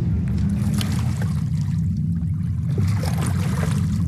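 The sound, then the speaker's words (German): Steady water of Lake Zurich lapping and splashing at the shore on a sunny, cool morning with a person in the water, a continuous low rumble underneath and scattered small trickling splashes throughout; no voices. “Also ich bin da gerade am See, am Zürichsee, und ich habe eine Person im Wasser getroffen.”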